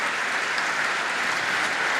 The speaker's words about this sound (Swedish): Han har verkligen lyckats hänföra publiken som nu står upp i bänkarna och applåderar. Ja, han får långa, varma applåder som vi hör.